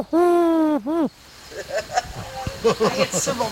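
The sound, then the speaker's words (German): A person's voice imitates a wood pigeon's coo, loud: one long sustained hoot and then a short, dipping second note, followed by quieter background chatter. “Genau, Ringeltaube haben wir auch. Ich könnte euch noch mal so ein Spektiv zeigen. Ja, ich bin die größte Ringeltaube.”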